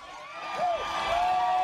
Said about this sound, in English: A lot of people cheering.